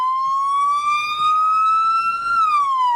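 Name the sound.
emergency vehicle siren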